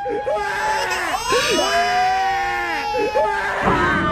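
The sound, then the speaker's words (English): A distraught Sixers fan sobs and wails loudly in long, wavering, pitch-bending cries that rise and fall over a steady murmur of crowd noise. “War Alvin adding that crying Sixers fan to the Marvin Freeman mix.”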